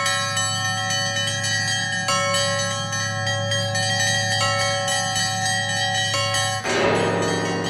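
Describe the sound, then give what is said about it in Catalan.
Sustained metallic ringing of iron bars that sound like bells, from a 'pocket bell tower' built from irons found at a boilermaker's workshop; many overlapping bright tones humming steadily and loudly, shifting to a denser, noisier clang near the end. No voices. “Una troballa casual d'uns ferros que sonaven com campanes a una caldereria va desembocar en la construcció del seu campanar de butxaca, amb el qual ofereix concerts a Madrid, a la Bienal d'Art de París i a tota Europa, i també a Ontinyent,”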